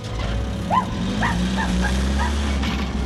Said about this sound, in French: Ce chien est devenu fou. Regardez-le poursuivre ce camion.